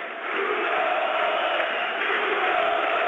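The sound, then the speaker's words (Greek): A large crowd of Pafos football fans chants the name of Brazilian player Bruno Felipe during a Super Cup match, a loud, dense roar of many voices that holds steady for the whole stretch. “Μπρούνο φωνάζουν, αποθεώνουν τον Βραζιλιάνο οι οπαδοί της Πάφου.”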